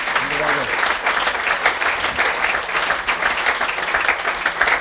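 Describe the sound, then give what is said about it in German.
Sustained audience applause, a dense steady wash of many hands clapping for several seconds at a fairly loud, even level, with a brief voice murmur at the start. “Ja, Applaus.”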